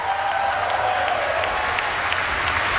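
An audience applauds baritone Jean-François Lapointe, who sang Dagon's High Priest, steadily, a dense, even wash of clapping hands with faint scattered accents, holding a constant loudness throughout with no voices.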